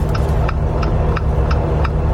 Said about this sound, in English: So, today you're rating indicators of different cars, okay? And he's back in the game, everybody. Here is number one, okay?